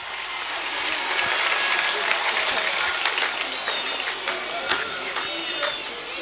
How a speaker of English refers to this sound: Ladies and gentlemen, will you give Mayo GAA chairman Seamus Toohey a huge round of applause?